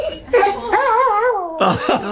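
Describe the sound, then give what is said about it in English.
A dog that went missing in 2021 yips and whimpers excitedly on being reunited with its owner, its high wavering whines rising and falling, broken by a few sharp yelps near the end. “a dog that went missing in 2021, has been reunited with his owner.”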